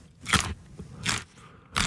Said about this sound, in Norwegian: Her en lydprøve av norske gullerøtter I sesong. Utført av Johannes Høsflott Klæbo.